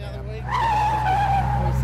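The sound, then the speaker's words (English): Car tires squeal in a long, loud skid as the vehicle takes a corner, a sustained high screech riding over a steady low engine rumble. “Whoa! Slow it down around the corners, mate.”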